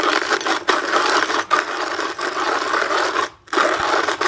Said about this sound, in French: Le bruit du moulin à café manuel.